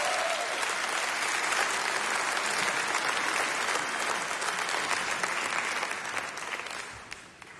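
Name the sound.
audience applause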